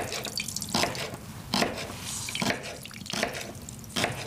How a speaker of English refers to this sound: And I'm squeezing it out because the water, when it went into the freezer, it automatically went right up into that tofu. Look at that.